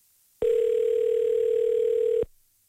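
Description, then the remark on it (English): A steady telephone dial tone hums at a constant mid pitch for about two seconds as the Country 100 radio station calls a contest winner, loud and unbroken, then cuts off abruptly with a brief fading tail. “Let's give our lucky winner a call.”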